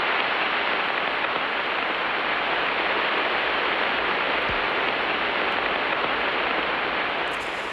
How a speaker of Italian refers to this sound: E questo è Giove ascoltato alla frequenza delle onde radio. La qualità, diciamo, non è delle migliori